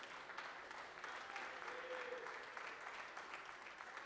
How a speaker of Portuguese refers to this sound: Agora sim, fiquem todos de pé e vamos adorar ao Senhor bem forte com as palmas para o Senhor Jesus.